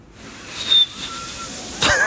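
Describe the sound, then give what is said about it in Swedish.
Someone tries to whistle: a few thin, wavering tones come out faintly amid breathy air, ending in a louder rush of blown air with a brief squeaky pitch. No talking. “Men, du kan vissla både inåt ut. Vänta, jag ska testa en gång till.”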